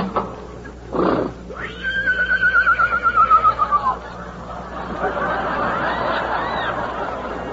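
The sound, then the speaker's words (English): A lame horse neighs loudly, a long quavering whinny lasting about two seconds, followed by a steady rushing noise like wind, during a bitter storm. “But still we may not ride the horse.”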